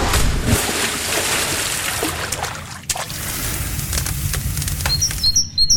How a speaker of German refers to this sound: Das waren jetzt knapp 8 Sekunden Sommer für euch. Grillen, Freibad, Vogelzwitschern.